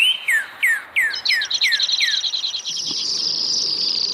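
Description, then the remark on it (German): A bird sings a series of trills, starting with slow, separate downward-sliding notes and speeding into a rapid buzzing trill that blurs into an almost continuous high tone. No one speaks. “Vögel produzieren langsame, schnelle und ultraschnelle Triller.”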